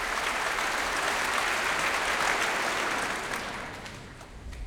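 Sustained applause from a large audience after a cello concerto performance, a dense steady clatter of many hands clapping that holds strong before easing off slightly toward the end.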